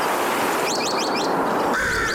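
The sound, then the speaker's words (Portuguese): A quick series of high, warbling bird chirps rises over a dense, hissy background, followed by a brief steadier whistled call near the end. No one speaks. Recorded bird calls taken from an online archive of bird sounds. “acreditar o sítio onde fui caçar estes sons. É um extraordinário site chamado Xenocanto, é um grande repositório de sons de pássaros”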